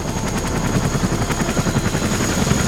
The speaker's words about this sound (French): Dans un bruit de rotor assourdissant, 2 hélicoptères blancs se posent dans une clairière.